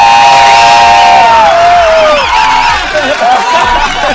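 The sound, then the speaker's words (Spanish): A loud crowd shouts and cheers without pause for about four seconds, a Friday shout on the XFM 94.1 morning radio show ¡Qué mañanas!, a dense wall of many voices with a few wavering, higher-pitched whoops rising above the roar. “¡Un grito de viernes!”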